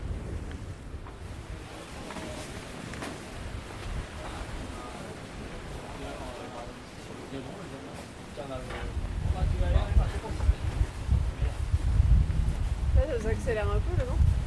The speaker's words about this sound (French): Ça accélère un peu le vent. Ouais, ah, ça va rentrer tout le vent là, c'est bien.